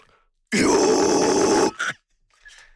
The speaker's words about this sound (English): One thing that you guys mention a lot is that your approach to singing and your vocals is much more clean than the traditional metal sound, which sounds like screaming. But there are moments when you scream. Can you illustrate?